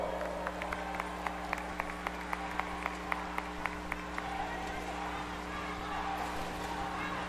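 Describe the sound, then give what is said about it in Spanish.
Audience applause for the dancers of Academia Danzarte after their choreography, with sharp, evenly spaced claps in a steady rhythm for about four seconds, over a constant low hum, then giving way to a general crowd murmur. “¡Fuerte los aplausos!”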